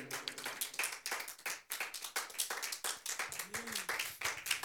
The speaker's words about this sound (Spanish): Aleluya. Démosle una ofrenda de palmas, hermanos, si usted lo cree.